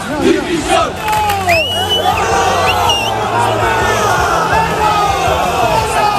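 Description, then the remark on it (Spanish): A large crowd of angry Valencia fans greets the Valencia players in the early hours after a 1-0 loss to Sevilla, shouting insults and jeering continuously, with loud overlapping yells, rising whistles and chanting voices forming a dense, hostile roar throughout. “Bueno, ayer perdió el Valencia contra el Sevilla, es colista, perdió 1-0, así fueron recibidos de madrugada los valencianistas.”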